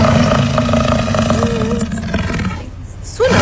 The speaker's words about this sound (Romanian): Sună a răget de leu, într-adevăr. Ai putea să zici că e și un tigru, chiar un dinozaur, dar este într-adevăr un bizon. Este cel mai mare mamifer terestru din Europa. La noi e cunoscut ca zimbru, da?